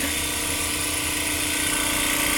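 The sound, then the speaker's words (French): A TissueLyser bead mill homogenizer runs at full speed, shaking tissue samples very fast with small beads inside to break up the tissue, vibrating very strongly: a loud, steady mechanical whir with a buzzing, rattling texture from the beads, continuous throughout with no voices. “Donc en fait, ça va agiter très rapidement avec des petites billes à l'intérieur.”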